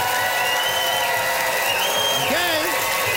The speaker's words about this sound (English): Listen to that crowd.